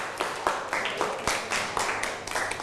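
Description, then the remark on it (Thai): A class of students clapping together for a classmate who answered a question, a steady burst of many overlapping claps, fairly loud and continuous throughout with no talking. “เก่งมากนั่งลงครับปรบมือให้กับเพื่อน”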